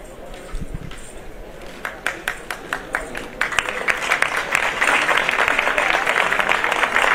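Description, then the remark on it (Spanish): A street crowd on calle Dean Espinosa applauds the passing procession of the Santísimo Cristo de la Veracruz, the clapping starting as a few sharp, evenly spaced claps and then swelling into steady, dense applause that grows louder over a murmur of voices. “Los aplausos de fondo para el Cristo de la Veracruz, incorporándose ya dentro del recorrido a través de la calle Dean Espinosa, que va a pasar de todo cerca de la que es su capilla.”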